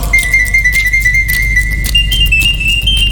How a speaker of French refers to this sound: L'oiseau artificiel siffla 33 fois la même mélodie sans être fatigué.